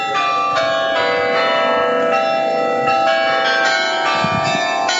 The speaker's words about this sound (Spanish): Cada hora suenan las 44 campanas del carrillón del antiguo ayuntamiento, un edificio que actualmente acoge el Museo de Historia de la ciudad